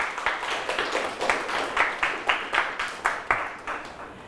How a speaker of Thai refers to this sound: สุดยอดมากครับปรบมือให้เพื่อนครับ